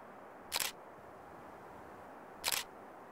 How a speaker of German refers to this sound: Für das Engelfoto kommt wieder eine ferngesteuerte Kamera zum Einsatz. Dazu zwei Blitzgeräte. Eins von rechts, eins von links, damit das Bild später schön gleichmäßig ausgeleuchtet wird.